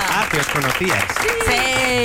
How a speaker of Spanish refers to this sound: ¡Un aplauso!